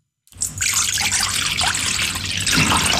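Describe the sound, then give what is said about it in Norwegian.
After a brief silence, about half a litre of water pours steadily and loudly into a metal bowl, to be mixed with a teaspoon of baking soda for washing berries, a continuous splashing rush whose pitch shifts slightly as the bowl fills. “Tar jeg en halv liter vann, blander jeg med en teskje natron.”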